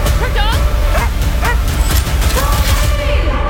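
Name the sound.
dog barking and yipping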